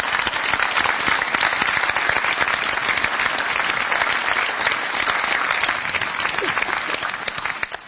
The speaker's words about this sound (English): Another round of applause for our veterans.